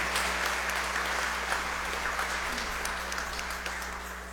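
An audience at a church Mass applauds steadily for a 15th birthday, a dense wash of many hands clapping at an even level that fades slightly toward the end, with a low constant hum beneath.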